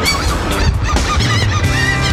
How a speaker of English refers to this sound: my seagulls are greeting me this morning. Hi, guys. Do you hear them?